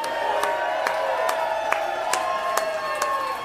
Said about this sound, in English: Would y'all please give him a warm round of applause